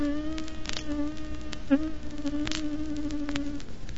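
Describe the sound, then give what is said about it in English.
Bees buzz around inside a store in a steady drone that wavers slightly in pitch, continuing for several seconds before fading out, with no talking. “Well, just this afternoon I was down in the store, and they come humming around in the store there, you know.”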